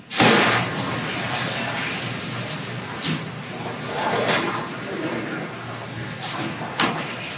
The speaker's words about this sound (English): Parachutes carrying it into the ocean. And as you can see on your screen, we have visual confirmation of splashdown. Wow, pretty dramatic.